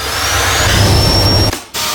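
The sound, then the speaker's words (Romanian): A Bosch Unlimited cordless stick vacuum cleaner with MicroClean technology runs loudly, with a steady rushing airflow and a thin high-pitched motor whine. It cuts out briefly near the end, then starts again. “Bosch aspirator vertical Unlimited cu tehnologia MicroClean aspiră chiar și murdăria microscopică”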